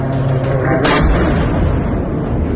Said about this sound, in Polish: Ukraiński prezydent w mediach społecznościowych podzielił się nagraniami, na których widać eksplozje i rosyjskie zakłady w ogniu.